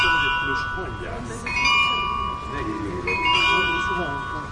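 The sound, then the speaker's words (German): Carillon bells, made for the rebuilding of the Nikolaiviertel shortly before the end of the GDR, chime a slow melody on the full hour outside an exhibition's door. Overlapping ringing notes at shifting pitches sustain and decay into one another outdoors, over a steady wash of background noise and indistinct murmur. “Genau, das ist das Glockenspiel, mit dem die Besucherinnen und Besucher zur vollen Stunde draußen vor der Tür begrüßt werden. Es wird auf dem Carillon gespielt.”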